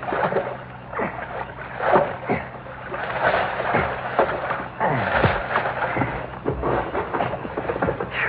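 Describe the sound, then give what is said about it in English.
A rowboat being paddled through water toward shore, with repeated splashing oar strokes and swirling, sloshing water, steady and fairly loud with no one speaking. “Now I can just get to shore now.”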